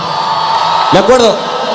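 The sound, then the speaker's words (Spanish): A crowd cheers and applauds steadily with a dense wash of noise, and near the middle a loud whoop rises and falls above the din before the cheering carries on. “Un fuerte aplauso, vamos, un fuerte aplauso.”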